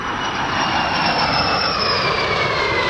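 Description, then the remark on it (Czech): Steady, loud jet engine roar with a broad rushing hiss and faint high whine, holding constant throughout as a grey L-39C Albatros jet trainer with a yellow nose, accompanied by two other jets, takes off in Pardubice on its last round flight over Czechia; no one speaks. “Poslední okružní let nad Českem, L-39C Albatros v šedé barvě se žlutým čumákem v doprovodu dalších dvou proudových letounů vzlétl v Pardubicích.”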